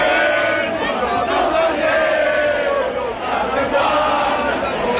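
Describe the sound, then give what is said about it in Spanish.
A large crowd, mostly young people, many with Francoist flags, sings the anthem Cara al Sol at the Puerta del Sol after the 12 October parade, many voices carrying a slow, steady melody in unison, loud and continuous, with a rough wash of crowd noise beneath the tune. “Lo hicieron cantando el Cara al Sol.”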